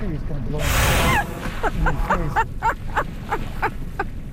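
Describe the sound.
A whale surfaces close by and lets out one loud, rushing blast of breath, followed by a string of short, evenly spaced huffing or voiced sounds.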